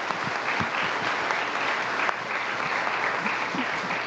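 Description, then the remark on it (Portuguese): A crowd at a Eucharist service applauds the altar servers steadily and fairly loudly for about four seconds, many hands clapping in a dense, continuous patter, with no one speaking. “Uma salva de palmas aos nossos coroinhas.”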